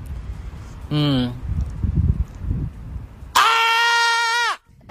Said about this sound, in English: That was my scream. And when we recorded it on the meter, it went up to a 98 decibels, if I'm not mistaken. Okay, that reached 98 decibels.